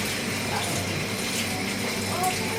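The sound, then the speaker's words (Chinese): A kitchen tap runs steadily, giving a continuous, fairly loud rushing hiss that holds evenly from start to finish, with faint background kitchen activity. “你帮我开一下水吗？”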